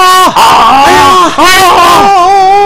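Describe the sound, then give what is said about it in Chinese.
A single loud voice lets out two long, drawn-out shouting cries with a short break between them, imitating a group of soldiers yelling together. The cries rise and fall in pitch. “全体士兵跟着都喊了起来，吓得松布队伍里的马儿卧下来好几匹”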